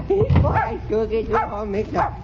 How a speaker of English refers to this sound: Stop barking now. My, you are the funniest looking little dog I ever seen in my life.